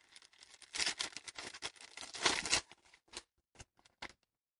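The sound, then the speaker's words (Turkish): Crisp paper rustling and crinkling as a letter from the home village is unfolded and handled, with dense crackles early on, then a few sparse, separate rustles fading toward the end. No one speaks. “Bir tozlu kağıdı bağrıma basacağım. O kağıtta memleketi koklayacağım aklıma gelir miydi hiç?”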